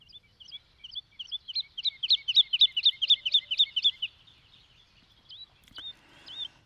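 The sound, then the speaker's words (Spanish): A woodlark (Lullula arborea) sings a soft, fluty phrase of quick, repeated high notes that swell louder and then fade away, followed by a few scattered, isolated high notes. No voices are heard. “La estáis escuchando, su canto es suave y melodioso, con frases cortas que se repiten y un timbre algo aflautado.”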